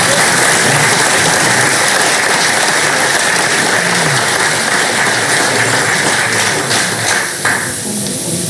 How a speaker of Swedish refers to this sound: Då så, en applåd till er.